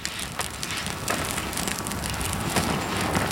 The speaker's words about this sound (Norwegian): Åh, nå knitrer og spraker det godt her oppe fra bålet, altså det fine flammer her vi sitter i skogen oppe i fritidsparken i Skien.